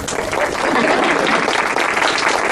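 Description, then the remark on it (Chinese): A crowd at a school graduation applauds a speech with steady, dense clapping that holds at a loud, even level for the whole stretch, with a faint murmur of voices mixed in. “见鬼，我是在给谁鼓掌？”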